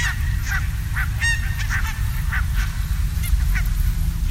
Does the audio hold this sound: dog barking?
no